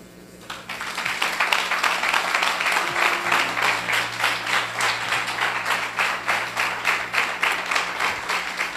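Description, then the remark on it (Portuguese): A church audience applauds Jesus, breaking into sustained applause after a brief quiet start, many hands clapping in a dense, steady roar with a slight rhythmic pulse, loud and continuous throughout with no talking. “Então, fala baixinho para ele: aplaude a Jesus.”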